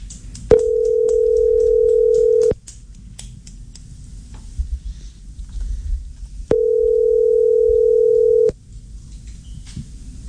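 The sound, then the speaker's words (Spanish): A steady electronic telephone tone, heard as a call is transferred to Claro, sounds twice, each about two seconds long with a gap between, loud and even in pitch over a low background rumble and faint clicks. “Llamada transferida a Claro.”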